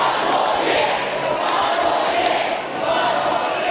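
Thousands of Brisbane Lions fans at the Premiership Parade in Brisbane cheer and chant together in a loud, steady roar of many voices after the club's three-peat victory, urging coach Fagan to stay on in 2027; the sustained chant dips briefly before surging again.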